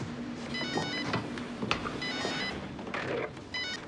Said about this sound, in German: Telefon. Ich schaff das blöde Ding wieder ab. Ich denke, das ist so praktisch.